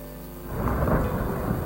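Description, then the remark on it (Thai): A steady roar of heavy rain with strong wind in a forest in the rainy season, trees swaying back and forth, with a deep rumbling swell like a storm building, growing louder after a quiet start and continuing without pause. No voices. “เมื่อเข้าสู่ฤดูฝนมีฝนตกลงมาอย่างหนักลมพัดแรงต้นไม้ในป่าน้อยใหญ่แห่งนี้ต่างก็โยกไปโยกมาเอียงไปทางซ้ายเอียงไปทางขวา ตามแรงของลม”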